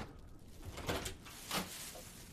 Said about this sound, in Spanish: Abre otra puerta.